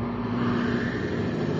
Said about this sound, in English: Progress is the sound of a motor, the hum of a turbine,